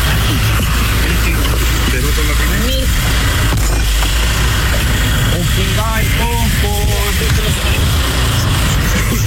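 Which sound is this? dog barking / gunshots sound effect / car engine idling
car engine idling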